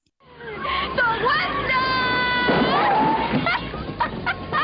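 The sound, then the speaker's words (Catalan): A loud, drawn-out vocal shout with a wavering, then held, pitch rises over a busy background of crowd babble, lasting several seconds before trailing off into chatter. The shout marks the midpoint of a programme. “Aquest crit vol dir que hem arribat a la meitat del programa.”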